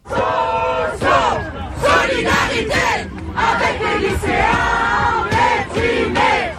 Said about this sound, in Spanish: Solidaridad con los estudiantes de secundaria deprimidos, gritan los estudiantes universitarios que ondean una bandera del sindicato de la Unión Estudiantil.